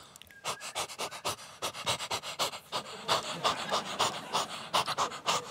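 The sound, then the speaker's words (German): A voice imitates the panting of a female dog responding when whistled for: quick, breathy huffs repeated steadily at about three or four per second, fairly loud, with no speech. “Und meine Hündin immer so.”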